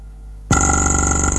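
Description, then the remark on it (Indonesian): A near-silent lull gives way to an abrupt, steady electronic telephone ringing tone, loud and continuous with a dense harmonic buzz, heard alone without any voices: a listener's phone line ringing on the call-in radio program Opini Publik Makassar pagi. “Kita coba lagi ya untuk line telepon ini, agak susah kami terima.”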